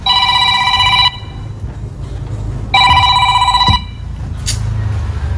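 A telephone rings in two electronic bursts, each about a second long with a pause between, heard clearly over a low rumbling background.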